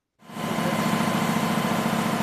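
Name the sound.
newspaper printing press running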